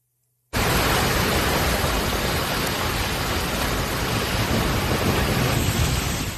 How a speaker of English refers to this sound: Kearney, Missouri, heavy rain, strong winds slammed the city. Kearney's just northeast of Kansas City.